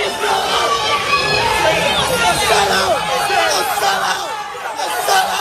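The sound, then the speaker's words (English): A crowd of people shout and yell over one another at a Memphis City Council meeting about data centers, a loud, dense tangle of overlapping raised voices that never lets up across the few seconds. “That's people screaming at the city council.”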